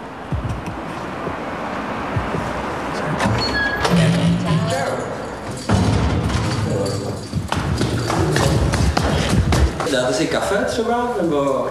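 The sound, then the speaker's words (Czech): A door is unlocked and thuds open, followed by a steady clatter of footsteps climbing stairs up to a first-floor apartment, with people talking over the sounds. “Tak odemykáme dveře, … nás vítá a vycházíme po schodech”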